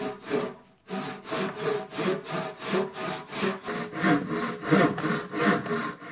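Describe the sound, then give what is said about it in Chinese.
Steady back-and-forth hand sawing as a log is cut by hand into wooden blocks for the body of a handmade xuela drum, about a dozen rasping strokes in an even rhythm after a brief pause near the start, clear with no talking. “把原木制作成大小合适的木块，再把木块打磨为弧度一致的部件，然后把这些部件拼接粘合起来，就成为鼓身的雏形。”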